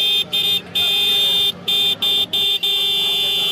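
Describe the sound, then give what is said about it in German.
A loud car horn made by the Indian firm Roots with German parts blares in a rapid series of short and long honks, about six blasts with brief gaps between them, over a busy street background in India. “legen knapp 20 Euro auf den Tisch für den König der Hupen”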